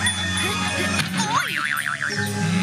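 A whimsical magical whoosh as a portal opens, with a sharp attack, swooping and warbling tones rising into a wobbling shimmer, over a sustained tonal hum of background music.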